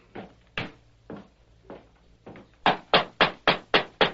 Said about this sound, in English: But the smoke that rose from the chimney gave evidence that someone still lived in the ranch house. The masked man and the Indian dismounted and knocked on the door.